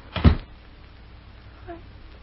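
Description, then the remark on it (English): A single solid thump near the start, a door being shut against the cold during a snowstorm, followed by quiet and a faint, brief tonal sound a moment later. “Close that door”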